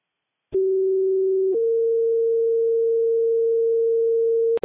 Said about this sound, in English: West Rescue, stand by for Tones.